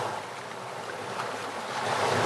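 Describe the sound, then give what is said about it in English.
Steady roar of sea surf washing onto a beach in Tremor, a broad continuous rush of breaking waves that swells slightly louder toward the end, with no voices present. “For Karen Whelan, who lives beside the sea in Tremor, those sounds have become part of daily life.”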